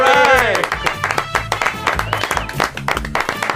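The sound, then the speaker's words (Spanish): Hands clap in a quick, steady burst of applause in the studio of the Onda Cero radio programme Grupo de Guasa, welcoming guest Alex O'Dougherty, with a voice cheering or calling out at the start and running faintly beneath the claps. “Está aplaudo yo, pero para que suene más.”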